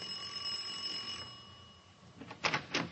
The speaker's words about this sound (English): All right, ring the bell. I'll be waiting for you out here.